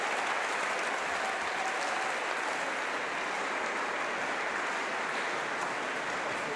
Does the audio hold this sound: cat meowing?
no